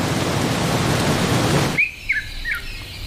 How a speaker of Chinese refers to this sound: 终于，雨季的来临让干旱得到了缓解，雨水滋润了干渴的大地。